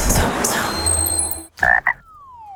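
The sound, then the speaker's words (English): Two short, loud frog croaks ring out over a hissing, busy natural background, followed by a falling tonal sweep and a sharp click at the end. “Hey, what does a frog know about money? Not much. But they do know about taking the leap.”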